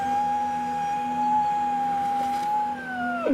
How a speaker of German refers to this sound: Die Heuler werden Robben. Ja. Die Robbenbabys.